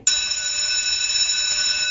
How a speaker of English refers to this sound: Did you have like a recess bell or a recess tone? We had a bell. The school was renovated in grade 8, Montgomery, and it went to a tone. Some of them were like a bell of freedom.